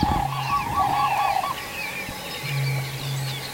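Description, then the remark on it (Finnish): Common cranes call with loud, rolling trumpeting notes in two bursts, a short gap between them, while smaller birds chirp and twitter faintly and moor frogs bubble in the background. “Ja se on hauska konsertti tässä koko ajan taustalla, tämä viitasammakoiden, mutta olipa komeet kurje.”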